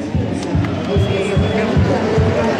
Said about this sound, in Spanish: Hay una ovación en el terreno